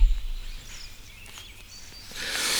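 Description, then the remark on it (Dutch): Faint birds chirp with a few thin, high calls scattered over a soft, hissy outdoor background that grows slightly louder toward the end. No one speaks. “Dit zijn heel beschaafde vogels die, alhoewel, niet al te zwaar van hun tak gaan maken, denk ik.”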